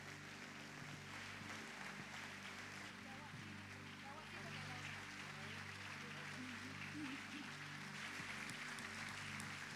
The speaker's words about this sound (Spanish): Iglesia, los despedimos con un fuerte aplauso.